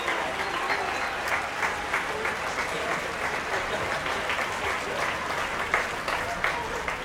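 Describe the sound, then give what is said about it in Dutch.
A large concert audience applauds steadily and continuously as the string players of the Concertgebouw Orchestra come on stage, a dense wash of clapping that holds at an even level for several seconds. “Nog meer applaus voor de strijkers van het Concertgebouworkest. Die komen nu op.”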